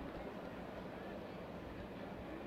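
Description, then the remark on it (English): A train going by a baseball ballpark on its first base side during a game rumbles past in a steady, continuous roar of low rumble and broad noise that holds at an even level throughout, with no breaks or distinct clacks. “I'm not sure if you can hear it with the organist in the crowd, but there is a train that is going by the ballpark.”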